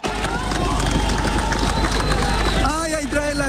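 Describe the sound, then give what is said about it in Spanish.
A crowd shouts and cheers loudly for rescuers pulling a 3-year-old girl alive from the rubble of the Ariguaní building in Cali after an earthquake, raised voices overlapping in a continuous dense roar with scattered clapping mixed in throughout. “Gritos y aplausos acompañaron a los rescatistas que lograron sacarla con vida del edificio Ariguaní en Cali.”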